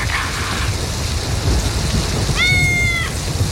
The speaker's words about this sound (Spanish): Qué rico que es dormir con la lluvia. Que suene ahí con las latas. Ahí.